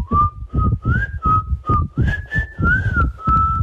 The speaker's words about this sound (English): This jingle, you can't get it out of your head. Now you've sent us a voice memo of you whistling the jingle.